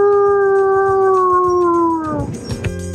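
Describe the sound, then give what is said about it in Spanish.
A person imitates a wolf howl: one long, loud, steady tone sliding slowly downward before breaking off into brief noisy rustling. “¡Quiero ser tu lobo! ¡Au!”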